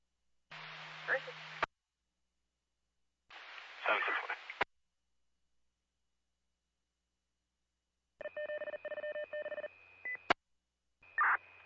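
Two brief bursts of crackly radio chatter, then a steady, pulsing dispatch alert tone blares over the radio for about two seconds before another short transmission cuts in; units are being toned to a car crash with entrapment at Hicks and Queensbury.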